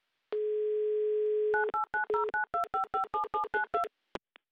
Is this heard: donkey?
no